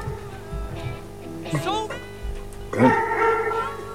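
A Doberman barks twice in an apartment building, a sharp yelping bark followed about a second later by a longer, rougher one, over a low background hum.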